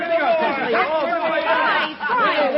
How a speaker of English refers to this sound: Here, what is it? What's all the cheering, boys?